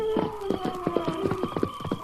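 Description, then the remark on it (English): A horse's hooves clip-clop in a quick, steady rhythm of sharp knocks, with a sustained high tone drifting underneath. No one speaks. “Steady, horse.”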